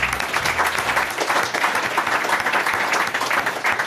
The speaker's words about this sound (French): Okay, on peut applaudir déjà